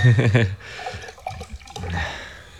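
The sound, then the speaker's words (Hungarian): Liquid gurgles and splashes as new wine is poured into a glass, a short pour following a brief burst of someone speaking at the start. “Gondolom nem sértjük meg vele ezt a murcit, ha egyszer edényből”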